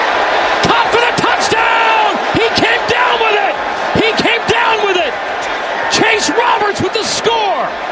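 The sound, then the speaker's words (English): A huge stadium crowd roars loudly and without pause after a leaping end-zone touchdown catch gives the Cougars the lead, with many overlapping voices shouting, whooping and rising in excited cries. “Hear the crowd go, ooh.”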